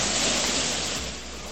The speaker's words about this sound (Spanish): ¿Qué me envía acá? Un audio de la lluvia. Me envían audios de la fuerte lluvia a esta hora.